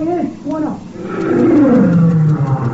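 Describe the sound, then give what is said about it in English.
A lion lets out a long, deep roar that slides downward in pitch and fills the second half, following a few brief voices at the start. “Buona Simba! Buona Simba!”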